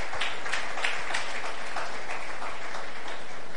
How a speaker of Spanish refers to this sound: aplauso al Señor el que pueda ahí.